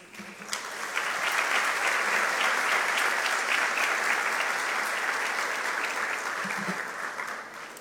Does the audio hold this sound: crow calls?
no